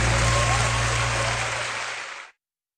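A crowd applauds in a dense, steady wash of clapping that tapers slightly over about two seconds before stopping abruptly, with a low hum running underneath.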